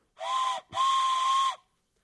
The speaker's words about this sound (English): Air Force, you deserve the off-the-rail train whistle of the evening.